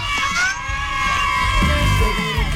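A crowd cheers and shouts in a sustained burst, high excited voices and whoops overlapping loudly for a couple of seconds, with a shrill wavering tone running through the noise, cheering for a prize winner receiving a new refrigerator from the radio station Olímpica Estéreo.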